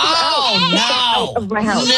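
goats bleating

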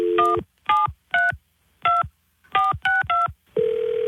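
telephone keypad dialing tones

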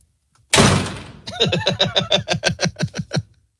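knock

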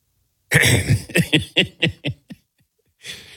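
man clearing his throat

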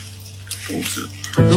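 running water

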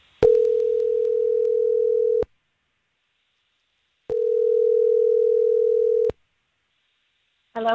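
telephone ringing tone

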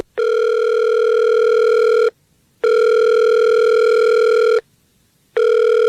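phone call ringing out

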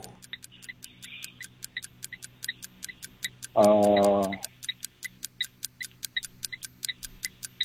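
ticking quiz countdown clock

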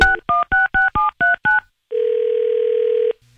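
telephone number being dialed

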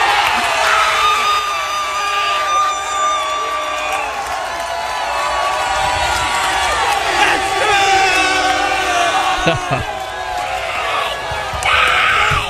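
huge crowd cheering

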